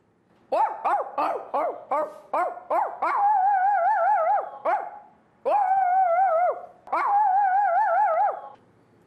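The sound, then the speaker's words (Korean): A person imitates dogs, first a baby puppy, then a big dog: a rapid series of about seven short, high yips, followed by three longer, wavering howl-like whines, loud with no other talking. “저는 아기 강아지랑 큰 강아지를 할 수 있어요.”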